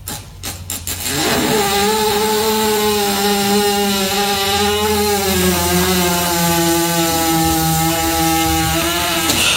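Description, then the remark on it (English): A horse lying on its side lets out a long, loud fart while a female trainer pushes on its stomach, a steady buzzing rasp with a slightly wavering pitch that starts after a brief rustle and carries on for several seconds without stopping. “I was scrolling, and there was a horse laying on its side, and this woman, the trainer, was pushing on the stomach. And then this happens.”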